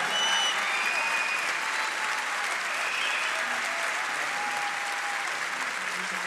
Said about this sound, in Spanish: Fuerte aplauso.